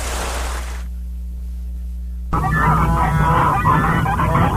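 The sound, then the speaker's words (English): After a short stretch of noise and a near-silent low hum, a flock of geese and ducks suddenly bursts into loud, overlapping honking that carries on steadily and busily to the end. “WCDB Albany, geese and ducks.”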